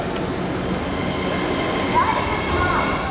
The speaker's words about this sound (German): Es ist kurz vor 1 Uhr nachts in der Wiener U-Bahn-Station Volkstheater. Die letzten regulären Bahnen der Linie U3 verlassen die Station.